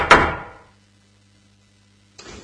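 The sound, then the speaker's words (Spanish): A heavy door bangs shut once, its booming echo fading over half a second into near silence before a short burst of rustling noise starts at the very end. “Mientras caminaba por el país de los juegos, Antón encontró una puerta misteriosa.”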